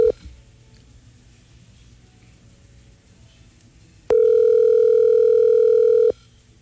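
A ringback tone while a WhatsApp call to a friend connects: a brief blip, a couple of seconds of near-silence, then one loud, steady, mid-pitched electronic tone held for about two seconds.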